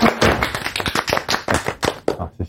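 A burst of applause on a TV programme set welcoming a beef manufacturer's boss: many sharp, overlapping hand claps in a fast, uneven patter, fairly loud throughout and beginning to thin out toward the end, with no voices.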